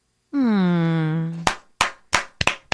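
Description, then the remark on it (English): A voice holds a long, low "hmm" that slides slightly downward, then it stops and a handful of sharp, spontaneous hand claps follow, five or six loud smacks at an uneven, unhurried pace. “Look, that's spontaneous, organic clapping.”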